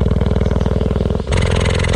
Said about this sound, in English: then I slowly started to drop the microphone down vertically, and when it got within about, well, 3 yards of this cheetah, I could see her chest rising and falling, but I could also hear she was purring just the same as any cat. Just purring away.